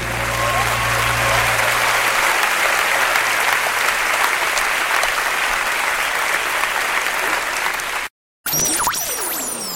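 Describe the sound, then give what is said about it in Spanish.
Sustained applause from a crowd, steady and fairly loud for about eight seconds, then an abrupt cut to silence followed by a brief burst of a different sound. “Un aplauso para Daniel.”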